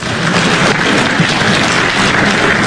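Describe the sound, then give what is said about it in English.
A crowd claps steadily in praise during a sermon, many hands blending into a dense, loud wash of applause that holds at an even level throughout without any voices. “We can clap for that.”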